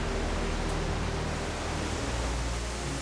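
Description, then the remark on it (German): The Korninger Wasserfall roars with a steady, unbroken rush of water, a dense full-spectrum hiss that stays loud and even throughout, with no voices. “Das hier ist der Korninger Wasserfall.”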